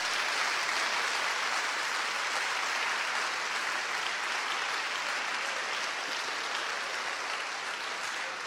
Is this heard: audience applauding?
yes